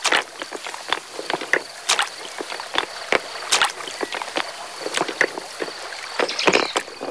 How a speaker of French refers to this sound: Écoute, comme c'est beau le son des galets.